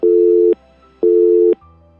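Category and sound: signal or alarm, telephone line tone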